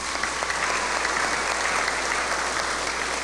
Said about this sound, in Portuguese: Salve de palmas para as crianças.